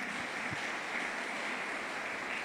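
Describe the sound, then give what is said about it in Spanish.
Steady applause from a church audience during a sermon, giving applause to God for his word, a continuous dense patter of many hands clapping at moderate volume with no voices over it. “¿Cuánto le damos un fuerte aplauso a Dios por su palabra?”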